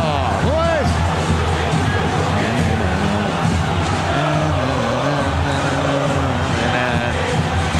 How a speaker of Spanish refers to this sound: Gritan los hinchas millonarios, escuchalo.